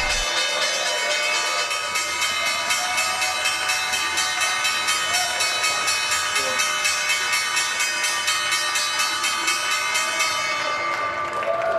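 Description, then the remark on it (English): The closing bell of the New York Stock Exchange (NYSE), rung by Total Energy to end the trading day, rings loudly and steadily for about twelve seconds, a rapid, metallic, evenly pulsing clang over a wash of crowd noise and applause. “The bell's bringing an end to the trading day at the NYSE.”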